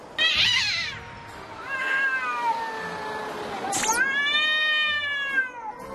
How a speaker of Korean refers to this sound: 그러나 문 열어달라고 항상 내려와서 야옹야옹 거리고 있어. 녀석은 가까워졌다 생각하면 다시 멀어지는 그런 고양이입니다.